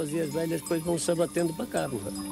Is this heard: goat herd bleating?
yes